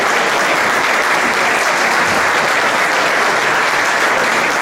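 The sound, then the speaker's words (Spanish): Sustained applause from a sizable audience as Ignacio Enciso, CEO of Astara, is called on stage to cut the ribbon; a dense, steady wash of clapping that holds at full strength throughout without pause, fairly loud, with no voices rising above it. “Un aplauso.”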